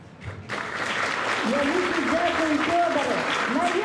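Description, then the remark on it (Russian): An audience breaks into sustained applause, a dense, steady clatter of many hands that starts abruptly and holds at full strength, with voices faintly audible beneath it. “Во, за гэтай аплодисменты.”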